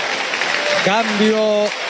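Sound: stadium crowd standing ovation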